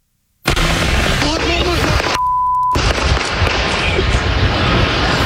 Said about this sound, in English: Starting with breaking news, the sound of gunfire in a Yolo County neighborhood under a shelter-in-place order right now. We are still working to find out who fired those shots you just heard